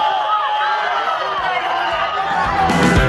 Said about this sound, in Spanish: ha entrado y ha salido de la delegación del gobierno bajo insultos y abucheos.